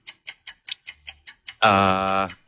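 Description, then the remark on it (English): A quiz countdown clock ticks quickly and steadily while a question is asked, about eight crisp ticks, then a loud, sustained buzzer blares for nearly a second. No voices are heard. “Until that clock is ticking.”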